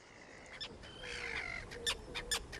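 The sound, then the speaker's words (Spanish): Harsh, grating calls of common terns (Sterna hirundo) flying over water at a colony, several birds squawking and overlapping in quick, uneven bursts, with a few sharp, high, piercing cries standing out from a continuous noisy chatter. “Y sobre esas aguas resplandecientes, los estáis escuchando, vuelan los ruidosos, elegantes, pero siempre malhumorados charranes comunes.”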